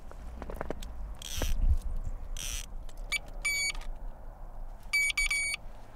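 Two quick bursts of high, stacked electronic beeping ring out from a small ice-fishing bite alarm, which sounds when a fish bites and pulls hard on the line. Each burst lasts under a second, amid scraping and crunching noises outdoors with low wind rumble.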